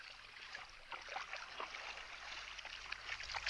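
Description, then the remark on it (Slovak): Sea water laps gently at the shore in a continuous, soft sloshing wash with small splashes scattered throughout, fairly quiet, with no voices. “Naveľa, naveľa pobral sa k moru.”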